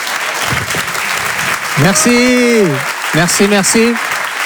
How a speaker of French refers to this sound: Je vous demande de l'applaudir très très fort, de l'encourager. Faites du bruit s'il vous plaît pour ….